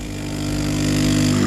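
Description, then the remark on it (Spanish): A coffee maker brewing: a steady, low buzzing pump hum with a hissy wash above it, swelling slightly louder over its second and a half, with no voices. “Esto de que invitarme a un café sea poner un ruido de una cafetera...”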